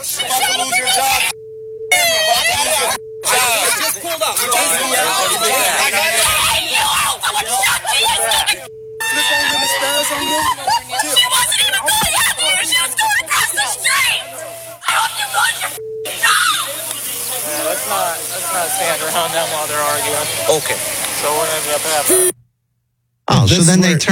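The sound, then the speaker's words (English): A crowd of people shouting and yelling at police officers over one another, loud and chaotic, with several brief dropouts where the sound cuts out and a short silence near the end. “So when everyone's yelling at the cops, you hear all of that.”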